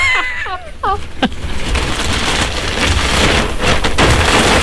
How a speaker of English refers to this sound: But first of all, what's in the bag? The white bag. Plastic bag. Okay, you ready for this?